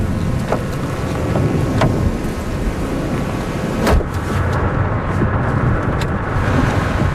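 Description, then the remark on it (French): Thunderstorm wind and rain, with lightning, roar steadily throughout, a heavy low rumble with a hissing wash on top and a few sharp taps breaking through; nobody speaks. “Bon, on est vraiment au cœur de l'orage.”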